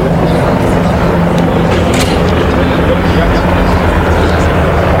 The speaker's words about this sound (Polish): Poza tym widzieliśmy pokaz maszyn transportowych Luftwaffe, no a przed chwilą pojawiły się śmigłowce bojowe Tiger.